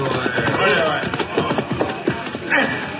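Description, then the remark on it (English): Horses' hooves clop in an uneven, overlapping rhythm as two riders arrive, mixed with a steady murmur of voices and general bustle of a big crowd throughout. “There are those two hombres just riding up.”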